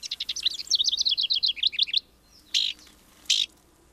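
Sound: downy woodpecker call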